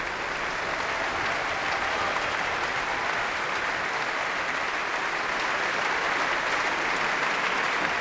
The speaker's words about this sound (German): Während hier noch weiter applaudiert wird für das Orchester und die einzelnen Instrumentalgruppen, darf ich mich nach diesem programmatisch starken Abend in der Berliner Philharmonie verabschieden für heute.